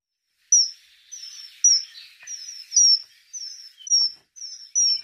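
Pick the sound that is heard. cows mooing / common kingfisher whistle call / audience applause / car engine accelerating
common kingfisher whistle call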